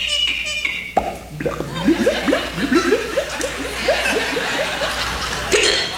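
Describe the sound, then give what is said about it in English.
A male vocal sound-effects performer imitates water gurgling out of a bottle when the cork is pulled, a quick rhythmic run of wet, bubbly glugs made with the mouth, fairly loud over faint room noise. “And water gurgling, you know, when you pull the cork out of the bottle.”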